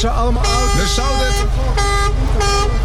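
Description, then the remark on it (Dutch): A car horn honks loudly in several sustained blasts, with short gaps between them, over steady road rumble while voices talk in the background. “Ze horen de toeter. Ze horen jullie toeter.”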